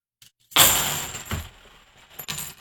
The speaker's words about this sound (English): I'm going to do the clad. Again, the same number of coins, 50 half dollars, what I'm using. Here we go.